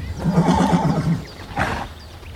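horse neighing

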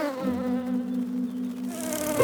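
fly buzzing

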